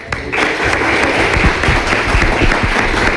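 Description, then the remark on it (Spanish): Steady applause from a crowd, applauding the news that Vecinos will get a new water treatment plant, a dense wash of many hands clapping at once, loud and sustained throughout with no voices standing out. “Pues nada, habrá que aplaudir, ¿no?”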